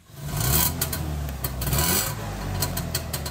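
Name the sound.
trabant car engine running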